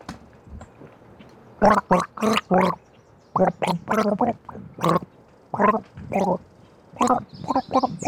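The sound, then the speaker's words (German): A person gargles with water from a glass in loud, bubbling bursts, grouped into short rhythmic phrases separated by brief pauses, with no talking. “Ach so, das hat geheißen, ich gurgel jetzt?”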